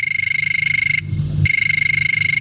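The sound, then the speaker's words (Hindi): A telephone rings with a listener's call to the Vividh Bharati radio programme Hello Farmaish: a shrill, rapidly trilling electronic tone, one burst, a short pause, then the ringing resumes, loud and steady with no voices. “तो चलिए शुरू करते हैं बातों का सिलसिला, और ये बजी टेलीफोन की घंटी।”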